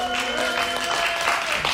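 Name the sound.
audience cheering and clapping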